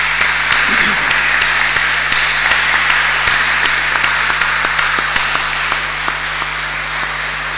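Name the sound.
audience applauding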